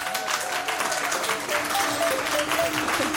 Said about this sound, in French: en direct du Livre sur les quais à Morges, avec pour preuve un tonnerre d'applaudissements d'un public passionné de littérature.